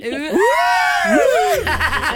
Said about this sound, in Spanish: Emocionada, nerviosa. Un grito chulo.